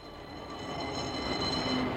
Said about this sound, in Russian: Что говорит тебе, мой слушатель, этот бегущий трамвайный вагон? Дрогнуло ли твое сердце, когда ты услышал его не среди шумной уличной симфонии, а так вот одиноким и неожиданно громким?